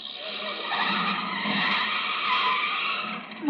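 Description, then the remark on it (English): A car brakes hard as the driver pulls over for the police, its tires skidding in a long, loud screech that holds steady for several seconds before cutting off with a short thump at the end. “Sensitive brakes.”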